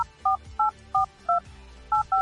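A quick run of telephone keypad tones, seven short two-pitch beeps in an even rhythm as a receptionist's number is dialed, clear over a faint low background hum.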